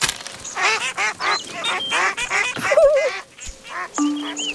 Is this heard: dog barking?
no